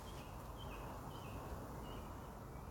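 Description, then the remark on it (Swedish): Faint, distant blackbird and robin song, a few short whistled phrases drifting through steady wind-like outdoor noise, with no voices. “Ja, det är någon koltrast. Och så är det den andra fågeln. Det kan vara en rödhake.”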